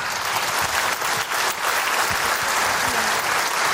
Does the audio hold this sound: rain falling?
no